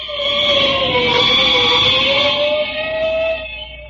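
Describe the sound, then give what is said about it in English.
A fire engine siren wails steadily for several seconds, its pitch slowly dipping and rising in a long, loud, continuous tone with no voices over it. “Sounds like a fire somewhere.”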